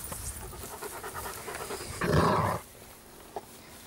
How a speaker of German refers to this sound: Ja, wenn man knurrt, dann wird zurückgeknurrt